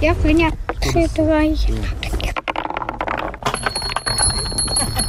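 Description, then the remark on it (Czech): Small metallic bells ring with a thin, sustained high chime in the latter part, set against clattering from a wooden marble run in the park at Zámostí by the river in Česká Třebová, while people talk throughout. “Mně se líbí na to, že nejsou k tomu i nějaké i ty zvonečky.”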